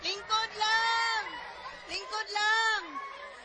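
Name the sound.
children crying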